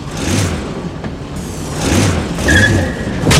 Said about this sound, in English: The remote control for your car. Tap twice. One, two. Now, draw your finger very slowly across the pad to drive the car.